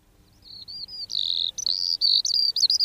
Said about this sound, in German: Hören Sie das Trillern und Zwitschern? Das ist die Feldlerche, kleiner Bodenbrüter, kommt leider immer weniger vor. Sie hat immer weniger Platz zum Brüten, immer weniger Ruhe.